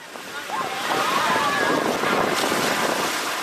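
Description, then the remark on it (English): A steady, broad wash of ocean surf rolls onto the beach at Virginia Beach's oceanfront on a hot Saturday afternoon, swelling in after a brief quieter moment and staying full, with faint voices mixed into the roar. “We're enjoying a beach day at Virginia Beach's oceanfront with family and friends from the Richmond area church on a simmering Saturday afternoon.”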